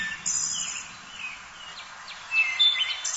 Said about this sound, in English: not only are birds beautiful, some of them have really great songs. So you should have a link there for the wood thrush.